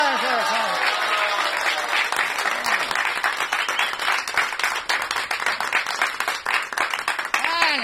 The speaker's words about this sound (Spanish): Piden y piden y piden ustedes. Por lo menos aplaudan, pues.